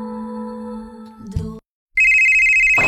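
A phone rings with a loud, steady, high-pitched electronic tone that starts after a short silence. Before it, a sustained lower tone hums and then cuts off. No one speaks.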